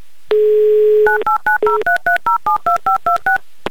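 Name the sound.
telephone number being dialed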